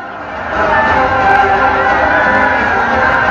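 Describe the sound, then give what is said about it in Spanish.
An audience applauds loudly and steadily, swelling in after a moment, with crowd noise and scattered cheering mixed into the dense clapping for the whole few seconds. “¡Aplausos!”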